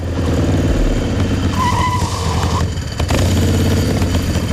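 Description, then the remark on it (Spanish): A motorbike without a valid ITV inspection engine roars loud throughout as it arrives at La Caleta, with a brief high tire squeal about halfway through as it brakes, then the engine keeps rumbling. “Cuentan las malas lenguas que el Chano cogió su moto sin ITV y se plantó en la Caleta en menos de lo que canta un gallo.”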